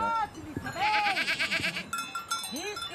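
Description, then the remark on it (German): Several goats bleat in wavering, overlapping calls while metallic bells clank steadily in the middle stretch, on an open goat alp pasture in a small side valley of the Swiss Engadin. “Es verschlug ihn schließlich auf eine Ziegenalb in einem kleinen Seitental des Schweizer Engadins.”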